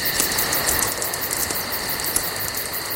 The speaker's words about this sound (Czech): Praskání ohýnku, do toho klidně, ať ty cikády řvou klidně, hele, to já to mám rád, mě to vůbec nevadí. Jo, to je příjemný tohle.